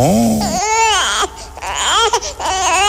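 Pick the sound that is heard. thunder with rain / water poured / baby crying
baby crying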